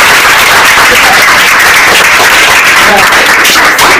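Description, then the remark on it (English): A loud, steady round of applause from a crowd during a quiz programme of Police Children's School 1, Bauchi, applauding a 700 answer. Dense overlapping claps fill the full four seconds without a break, with no voices standing out above it. “700! Round of applause!”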